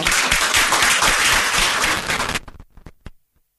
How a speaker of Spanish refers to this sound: Pero está presente, así que le vamos a brindar un aplauso.